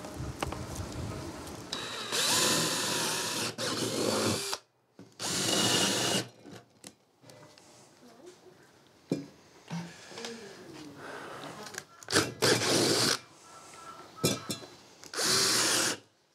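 A power drill bores holes into wood for test tubes in several loud bursts of a few seconds each, separated by short pauses filled with quieter handling and clattering noises.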